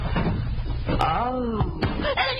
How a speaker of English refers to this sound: She let out a yell when I slammed the door shut on her head, and she dropped the sheaf of bills.